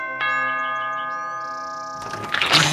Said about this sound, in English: Jen walked up the steps to his house and begrudgingly rang the doorbell.